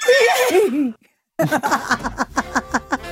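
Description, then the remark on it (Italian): A person's voice imitates a horse's whinny: a loud, wavering high-pitched cry, then a brief silence and a run of quick, rhythmic vocal bursts. “Quello secondo me era un cavallo.”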